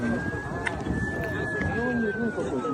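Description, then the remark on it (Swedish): Emergency vehicle sirens wail with a steady, high tone that slowly bends in pitch at night in central Moscow, after a drone hit a 52-storey luxury building, over a noisy outdoor backdrop with indistinct voices murmuring underneath. “Chockade människor vandrar förbi bråte och glas i mörkret bland blinkande utryckningsfordon.”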